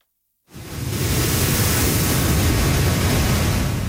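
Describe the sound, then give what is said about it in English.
After half a second of silence, a loud, steady roar of massive Category 4 hurricane waves crashing into beach homes in southwestern Mexico sets in and continues unbroken and dense, with no voices. “Category 4 Hurricane Polo is battering southwestern Mexico, sending massive waves crashing into beach homes and dragging debris through the streets.”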